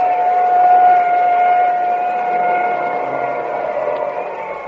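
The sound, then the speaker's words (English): An ambulance siren sounds a steady, sustained tone over a rushing wash of vehicle noise, loud at first and gradually easing off as it moves away, after a car's rear tire blew out and it skidded into a fence during a race. No one speaks. “Well, there goes the ambulance.”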